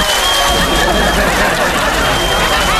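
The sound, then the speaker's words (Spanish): A steady burst of audience applause fills the whole stretch, dense and fairly loud, with a murmur of crowd voices and a little laughter mixed into the clapping. “Sí, pero un aplauso, la verdad, pocas como usted, le mando un beso.”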